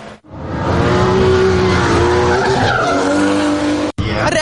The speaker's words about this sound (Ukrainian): Вереск шин і хмари диму. Така нині атмосфера на треку.